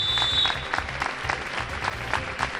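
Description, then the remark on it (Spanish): A large crowd in Oviedo, Asturias, Spain, applauds steadily and loudly outdoors, welcoming marching coal miners from Ibias who walked 150 kilometres in six days; a dense wash of clapping with a few sharper bursts, over a low rhythmic thumping underneath. “Así, entre aplausos, recibía la capital asturiana la marea negra procedente de Ibias tras recorrer 150 kilómetros en 6 días.”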